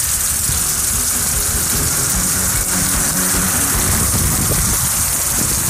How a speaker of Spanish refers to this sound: Claro, eso es lo que está pasando en este instante, en este minuto. ¡Lluvia con viento! En Vallenar.